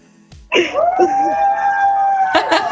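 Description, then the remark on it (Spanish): A group of voices lets out a loud, sustained celebratory shout that starts abruptly and holds steady for a couple of seconds, ending in a burst of rougher cheering. “A ver, pónganos a gritar a todos. Arrímese donde ellos y pónganos a gritar eso.”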